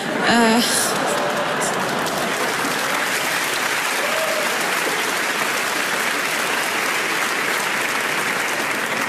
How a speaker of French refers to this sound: Ceux qui applaudissent, c'est les Lillois.